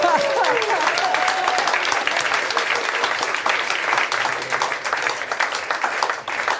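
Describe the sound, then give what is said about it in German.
Steady, dense audience applause with many hands clapping at once, loud and sustained throughout, briefly overlapped at the start by a voice. “Applaus für den Huflattich von morgen.”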